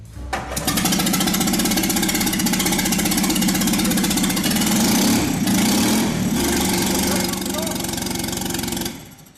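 An AMG car engine block, started for the first time in a workshop with no exhaust, radiator or throttle control fitted, runs loudly and roughly for several seconds, its rapid, harsh firing pulses steady before it cuts off abruptly.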